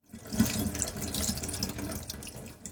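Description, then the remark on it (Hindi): Tap water runs steadily into a sink for a few seconds while a gutted fish is washed inside and out under it, with small splashes and shifting gurgles breaking the broad hiss. No one speaks. “फिर हाथ से मछली की अंतड़ियां निकालकर मछली को अंदर और बाहर से अच्छी तरह धो लीजिए, ताकि खून के थक्के और बची हुई अंतड़ियां ठीक से निकल जाएं।”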